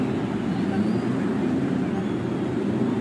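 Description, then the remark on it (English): A dense, steady roar of many race car engines started together along the main stretch before a race, a thick continuous rumble that holds at a constant level without pause. “After the cheers of over 300,000 fans, the engines are started along the main stretch.”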